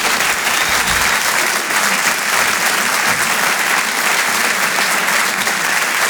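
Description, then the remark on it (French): Loud, sustained applause from a large audience for comedian Christine Béroux, live on Rire et Chansons from the Grand Point Virgule, a dense wash of clapping that holds steady for several seconds without any talking over it. “On peut l'applaudir très fort, Christine Béroux, en direct sur Rire et Chansons depuis le Grand Point Virgule.”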